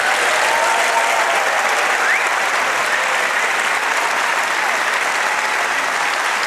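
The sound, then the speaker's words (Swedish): Loud, sustained applause from a large audience at Stadsteatern's main stage for Sveriges Radio's Middle East correspondents, dense clapping that holds steady for the whole stretch without fading, with no voices standing out above it. “Stor applåd för radiokorrespondenterna Mellanöstern.”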